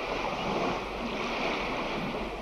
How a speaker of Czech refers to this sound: Slyšíš, jak vlny hučí?